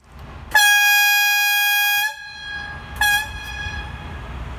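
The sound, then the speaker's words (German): The horn of a VT2E diesel-electric railcar, a two-car unit with a motor car and a control car, sounds a long, steady, bright blast of about one and a half seconds, then a second short toot, over low rumbling background noise. “So klingt die Pfeife des VT2E.”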